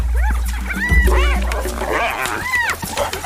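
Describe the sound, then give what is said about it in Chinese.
A large pack of African wild dogs and two spotted hyenas squabble over prey, the wild dogs losing ground, in a dense, overlapping clamor of high twittering yelps, rising whines and squeals, loud over a steady low rumble. “他们都在努力争抢猎物。现在非洲野犬落入下风。”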